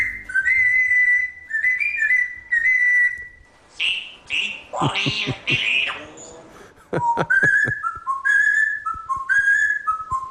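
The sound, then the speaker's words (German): A parrot named Jakob whistles the football chant 'Zieht den Bayern die Lederhosen aus' in clear, sustained tonal phrases, pausing midway for a burst of squawky, chattering calls before resuming the tune, fairly loud. “Ja, falls Sie es nicht erkannt haben, zieht den Bayern die Lederhosen aus, pfeift er da vor sich hin.”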